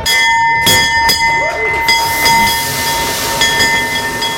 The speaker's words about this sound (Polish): Po 10 latach na giełdzie papierów wartościowych pojawił się nowy dzwon otwierający sesję notowań. 3, 2, 1.